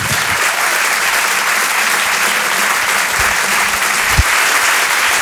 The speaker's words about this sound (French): Je vous demande de l'applaudir très chaleureusement elle aussi.